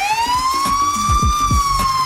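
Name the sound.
police car siren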